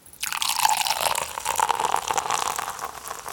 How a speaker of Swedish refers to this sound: Vi tar och häller upp.